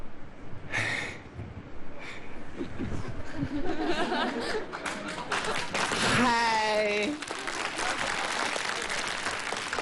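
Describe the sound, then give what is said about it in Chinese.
An audience breaks into sustained applause, a dense wash of clapping mixed with crowd chatter and scattered laughter, with a brief rising vocal whoop partway through. “来点掌声示意示意。”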